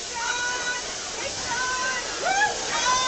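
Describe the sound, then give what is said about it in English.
Pouring rain makes a steady, dense hiss throughout a parade with marching politicians, with faint, indistinct voices and a few brief tonal sounds rising over the wash of water. “Hard to get everybody doing the same step in the pouring rain.”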